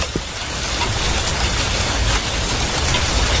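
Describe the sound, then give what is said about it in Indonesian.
Steady rain pours down in a dense, continuous hiss of countless drops, fairly loud, with no voices and no pauses throughout. “Yeay, hujan telah tiba, hujan telah tiba, hujan telah tiba.”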